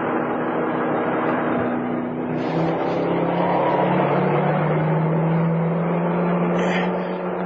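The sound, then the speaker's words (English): A car drives into the outskirts of Bellingham with a steady engine drone and road rumble; the engine's pitch shifts slightly partway through, as if changing speed or turning, with no voices. “We're coming into the outskirts of Bellingham.”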